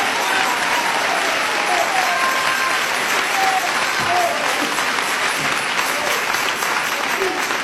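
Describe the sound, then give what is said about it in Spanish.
An audience at a sermon applauds for Jesus steadily, a dense, sustained wash of many hands clapping at once, with faint voices and cheers mixed into the crowd noise throughout. “Dele ese aplauso a Jesús, hermano. Dele ese aplauso al Cristo de la gloria.”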